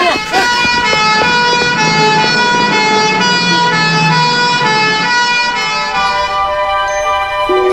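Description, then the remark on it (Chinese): A loud ambulance siren blares, holding a steady, piercing tone for several seconds with a rumble of traffic underneath, its upper edge thinning slightly near the end. “陈学庚，快叫救护车！”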